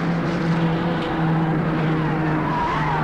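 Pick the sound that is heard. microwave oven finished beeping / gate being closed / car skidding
car skidding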